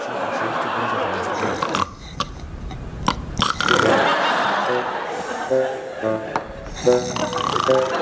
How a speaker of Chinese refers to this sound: 什么动静？ 导演，我也不知道。 哎，谁在打呼噜呢？谁？